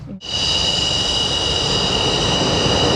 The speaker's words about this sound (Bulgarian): изтребител F-16, за да излети от авиобаза граф Игнатиево за военната демонстрация в София.